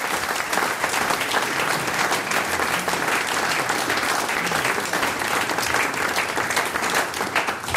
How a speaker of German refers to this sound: Das ist die …. Ein Applaus für die Herren.